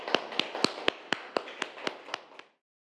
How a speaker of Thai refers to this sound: ปรบมือให้กับกลุ่มนี้ด้วยครับนักเรียนนะครับ